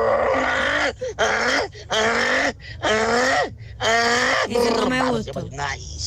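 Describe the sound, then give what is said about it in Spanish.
As a hidden talent, a person imitates a braying male donkey looking for a female, letting out a loud series of strained, wheezy hee-haw cries, about six rhythmic bursts that rise and fall in pitch with brief breaths between them. “Ay, mi talento corto es hacer como burro, cuando está buscando la burra.”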